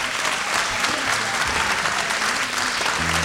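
A crowd applauds steadily, a dense, even wash of clapping that stays loud and sustained throughout, with no voices rising above it.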